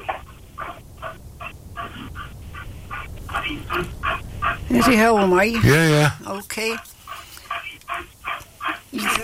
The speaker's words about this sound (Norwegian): Har du en hund, der står og puster i røret ved siden over? Ja, det er Jensen. Nå, ja, for jeg kan da høre, at Jensen står og puster i røret ved siden.